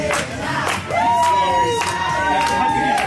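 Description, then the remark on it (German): Busy backstage hall ambience at the Eurovision Song Contest: a loud, dense crowd babble with many overlapping voices, bursts of shouting and cheering, and a few sustained sung or called-out tones rising above the din. “So klingt es beim Eurovision Song Contest Backstage.”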